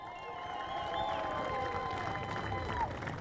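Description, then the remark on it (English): A steady round of applause from a crowd at a lightweight motorcycle race podium ceremony, as John McGuinness applauds and puts the sash on a rider. A dense wash of clapping mixed with murmuring voices and a few thin sustained tones, holding an even level throughout. “John McGuinness gives him a round of applause and also gets the sash on.”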